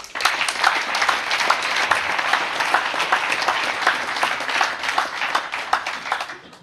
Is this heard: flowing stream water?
no